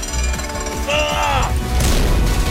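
A heavy door, pushed by hand, groans with a drawn-out, wavering creak over low rumbling, then slams shut with a single loud, booming bang that rings out briefly.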